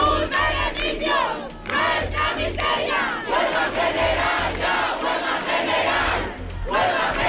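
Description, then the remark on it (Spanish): A large crowd of protesters, camped for days in the Puerta del Sol in Spain, shouts and chants loudly and continuously while following a vote in Congress, many voices overlapping in rising, rhythmic bursts of collective yelling, with a steady low rumble underneath. “La multitud que llevaba días acampados en la Puerta del Sol seguían el minuto a minuto de la votación a las puertas del Congreso.”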